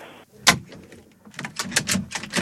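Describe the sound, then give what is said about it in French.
A door is pushed open: a sharp clunk, a brief pause, then a series of quick rattling knocks and scrapes as it swings, moderately loud, with no one talking. “Non, mais poussez sur la porte.”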